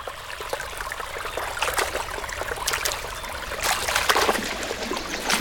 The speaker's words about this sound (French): Oula, ça s'agite dans la rivière. C'est la panique chez les poissons, on dirait. S'ils sautent comme ça, c'est qu'il y a un prédateur dans le coin.